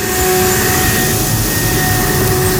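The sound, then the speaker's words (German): A leaf blower runs steadily at full power in a neighbourhood in autumn as leaves fall, a loud continuous roar with a whining engine tone held at one pitch throughout, with no pauses and no voices. “Die Laubbläser sind wieder da.”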